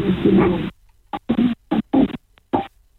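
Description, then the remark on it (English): Muffled rustling and scraping from a pocket-dialled call to the Star radio station in Cairns, over a tinny phone line: one long shuffling burst, then a series of short irregular scuffs separated by silence, like fabric rubbing against a phone in a pocket. “I think it's someone's pocket.”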